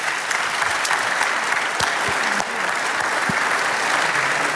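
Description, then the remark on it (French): A crowd applauds all the participants of a short quiz about cycling, steadily, a dense wash of many hands clapping at an even, fairly loud level with no pauses, and no voices standing out above it. “On peut les applaudir tous pour ce petit quiz sur le vélo.”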